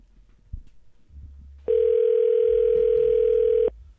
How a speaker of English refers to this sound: Daddy not answering our phone this hour, right?